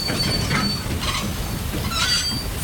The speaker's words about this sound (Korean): 이사종이 예매한 기차가 들어오고.